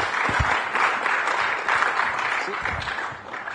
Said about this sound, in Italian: Ringraziamo con un grande applauso Cecilia Sala per il suo contributo.